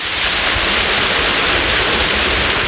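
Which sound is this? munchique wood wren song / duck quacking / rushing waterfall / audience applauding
rushing waterfall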